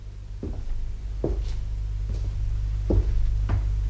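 A door opens by itself with a series of dull knocking clunks, five or so spaced unevenly, over a steady low hum with no one talking.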